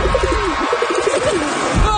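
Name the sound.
pigeons cooing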